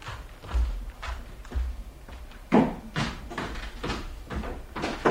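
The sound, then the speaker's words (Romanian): A door being opened, heard as a series of knocking thuds and scraping bumps coming every half second or so, moderately loud, with no one speaking. “Ușa e deschisă.”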